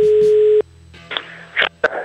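telephone busy tone

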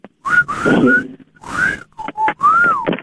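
whistle

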